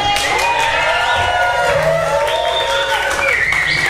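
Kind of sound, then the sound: crowd, audience cheering and clapping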